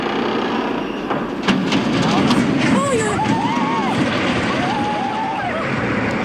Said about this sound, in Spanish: Son los chirridos de enormes vigas de hierro al doblarse, el estruendo del puente de San Miguel al caer al río y el asombro de los vecinos.